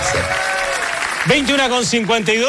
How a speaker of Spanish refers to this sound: Aplausos, aplausos de pie. Aplausos.